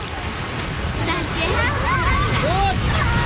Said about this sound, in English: That evening, a strong wind comes in off the ocean, then a rainstorm.